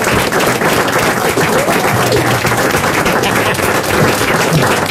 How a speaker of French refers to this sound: Ah, les applaudissements que vous entendez